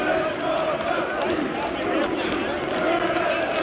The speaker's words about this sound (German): Und auch die Fans hatten ganz offensichtlich Spaß und haben gesungen. Na, was singen die da?